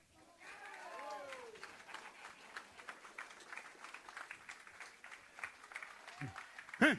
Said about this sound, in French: on va donner une bonne main d'applaudissement